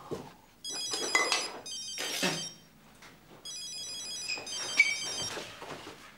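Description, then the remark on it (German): A telephone rings in two bursts of shrill, rapidly trilling bell tones, with a pause between them. Soft background clatter and faint rustling sit underneath. “Bitte gehen Sie ran.”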